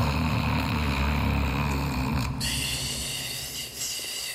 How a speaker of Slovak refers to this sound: Zajko bol po prebdenej noci taký unavený, až zaspal aj napriek chladu a prievanu. A zaspal naozaj hlboko, lebo o chvíľu už nahlas chrápal.